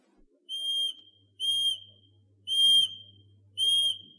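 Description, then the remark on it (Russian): Four short, high whistle notes at an even, unhurried pace, each a steady, clear tone about half a second long, blown to call a bird named Ryabok. No one speaks. “Я сейчас подзову Рябка, а вы полюбуйтесь.”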